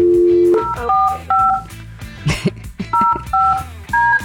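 A string of short two-tone telephone keypad beeps in an uneven rhythm, close and clear, after a brief low tone at the start, with faint clicks and rustling between presses.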